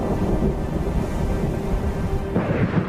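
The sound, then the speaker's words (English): Deep, rolling thunder from a powerful heat thunderstorm in the mountains of Sardinia at the height of summer rumbles continuously with heavy low-end energy, swelling louder near the end, with a faint hiss of rain beneath and no voices. “In the mountains of Sardinia, powerful heat thunderstorms develop, especially at the height of the summer.”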